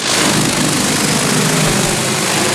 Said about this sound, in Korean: 대형 드론이 날아오르더니